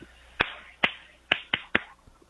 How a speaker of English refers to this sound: That was a clap in my ass cheeks, by the way. I hope that came in good.